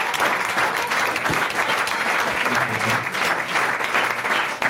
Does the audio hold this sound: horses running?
no